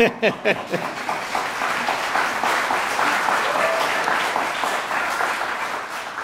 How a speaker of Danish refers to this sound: Og jeg kan høre, at I allerede er rigtig gode til at klappe. Så det glæder vi os til igen senere.